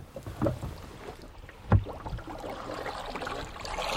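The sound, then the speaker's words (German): Water laps and splashes against a small boat travelling on the Havel toward Pfaueninsel in Berlin on a winter morning, with a couple of louder knocks or paddle strokes standing out over a steady, gentle sloshing and a faint breath of wind. “ist unterwegs auf dem Wasser Richtung Pfaueninsel.”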